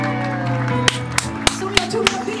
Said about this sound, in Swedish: Ja. Applåd från studion, härligt.